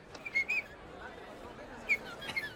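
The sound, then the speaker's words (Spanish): Short, high bird-like whistles from a person imitating a songbird: a quick pair of chirps, a pause, then a brief trill of three notes over faint background murmur. “Si uno no hubiera cantado, ya lo creo que sí. A ver qué ha hecho ese pajarito. ¿Ha sido algo así como esto?”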